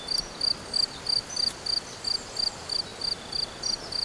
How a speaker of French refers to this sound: Et puis là, le chant des grillons dans la prairie. Écoutez.